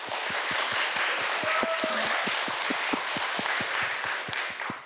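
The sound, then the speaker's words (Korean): A crowd applauds steadily and loudly for the Gojipbultong team after their performance at a university yeonhui (traditional Korean performing arts) showcase, a dense wash of clapping with a quick, regular low thumping pulse running beneath it. “그러면 우리 정말 멋진 공연 보여주신 우리 고집불통 팀에게 여러분 다시 한번 뜨거운 박수 부탁드리겠습니다.”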